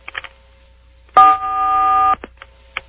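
A single loud touch-tone telephone keypad beep as 4 is pressed during a call to the Art Bell program, a steady dual-pitched electronic tone lasting about a second, with faint clicks and short bursts of noise before and after it.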